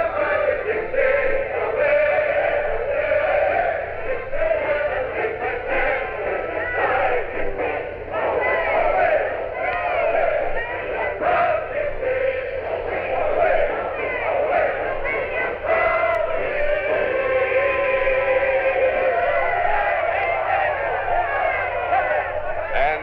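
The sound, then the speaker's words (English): A large crowd loudly sings Dixie, a minstrel song by Dan Emmett, in unison along with the Charleston Firemen's Band, a brass band, singing the words rather defiantly, the massed voices steady and unbroken for over twenty seconds. “And the Charleston Firemen's Band has just struck up Dixie, the new minstrel song which has been sweeping the South. The crowd is joining in, singing the words rather defiantly.”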